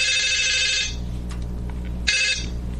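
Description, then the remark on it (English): A telephone ringing on an outgoing call that is being taped through the caller's phone, heard as one long ring burst followed by a pause and the start of a second ring, with a steady low hum underneath and no voices. “They exchanged telephone numbers, and then it was time for a phone call.”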